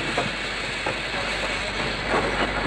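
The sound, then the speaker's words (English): A train rumbles and hisses with a broad, steady roar of grinding metal as it slows to a stop at a station, fairly loud, with a faint clatter and no voices. “As the train ground to a stop at the station, the young man reached for his suitcase, waited patiently for his turn to leave, and then stepped down to the platform.”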